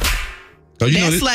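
A single loud, sharp slap cracks at the start and fades out over about half a second, then a voice suddenly starts speaking loudly.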